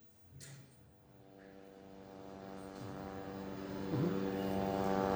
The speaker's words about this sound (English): it's actually becoming part of the daily normal right now is the drone hovering in the background in around this area, several parts across the Gaza Strip, already causing panic and stressing people out